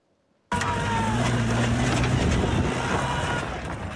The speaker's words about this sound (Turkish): Malatya'nın Doğanşehir ilçesinde aileler arasında çıkan kavgada bir kişi traktörü karşı taraftakilerin üzerine sürdü.